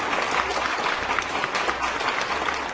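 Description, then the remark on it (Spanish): A crowd bursts into steady applause for Mexicans, dense overlapping claps at a constant, fairly loud level with no talking over it. “Así que un aplauso para ti que eres mexicano, con gran orgullo.”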